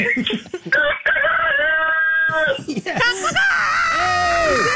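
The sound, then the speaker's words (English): A rooster crows loudly over the phone, one long, drawn-out call followed by a second wavering crow, with brief human voices mixed in around the calls. “You got a great rooster there.”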